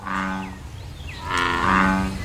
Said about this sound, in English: That is the American bullfrog. Those are the last frogs to start singing every year. And he's still going. They have that loud, kind of like booming song. That's a classic summer song